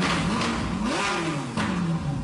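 A Ferrari sports car engine revs loudly, its pitch climbing sharply then sinking back over a couple of seconds, with a roaring, throaty edge and no voices.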